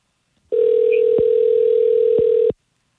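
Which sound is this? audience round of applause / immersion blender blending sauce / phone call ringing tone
phone call ringing tone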